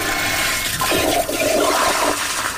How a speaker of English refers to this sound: The toilets flush using motion sensor technology as well.